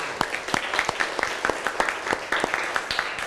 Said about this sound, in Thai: พื่อนๆปรบมือให้ทุกคนด้วยค่ะ